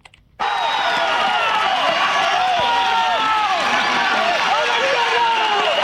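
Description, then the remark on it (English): After a brief quiet moment, local residents attacking a makeshift migrant camp on a beach in Ceuta, a Spanish exclave in North Africa, erupt into a loud, agitated, dense, continuous clamor of many overlapping voices shouting and yelling, with scattered higher-pitched cries throughout. “And that's the sound of local residents attacking a makeshift migrant camp on a beach 3 days ago.”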